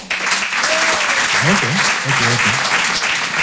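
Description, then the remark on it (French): An audience claps steadily in a dense, broad wash of applause that holds at an even level throughout, with a few faint voices and calls poking through the clapping, answering by applause a comedian's question about who knows how to ski. “Déjà, dans la salle, par applaudissement, qui sait faire du ski?”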